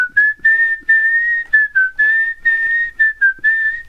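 Someone whistles a song melody as a signal to a friend at her window, a clear steady tone moving through short phrases with brief breaths between notes, loud and alone with no talking.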